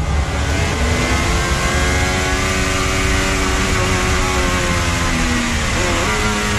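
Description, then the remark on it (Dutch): A race car engine roars loudly and steadily with a buzzing, layered whine, then its pitch drops and jumps near the end as it downshifts. No voices are heard. “Je hoort hem ook nog terugschakelen.”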